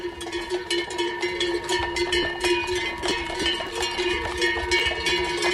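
A dense, continuous jangle of many cowbells on the village's horses and cows going up to graze at La Bullosa, Alta Cerdanya, from Llívia, during a transhumance festival. The bells clank at once in uneven, overlapping rhythms, with bright metallic ringing tones and steady clatter throughout, no voices.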